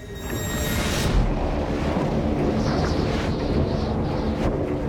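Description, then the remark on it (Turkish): Strong, steady blizzard wind in whiteout conditions out on ice roars and buffets the microphone with deep low rumbling and a broad hiss, gusting slightly louder in the first second and holding constant throughout with no speech. “Tam anlamıyla beyaz fırtına koşullarına giriyoruz.”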